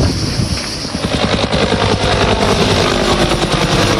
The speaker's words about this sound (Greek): Ελικόπτερο της πυροσβεστικής μέσα σε αποπνικτικό καπνό πραγματοποιεί ρήψεις.